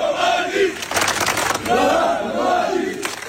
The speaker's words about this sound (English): Crowds marched through the streets, chanting the former military commander's name.